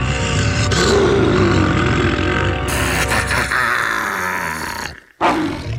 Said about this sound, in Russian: Лев! Огромный какой!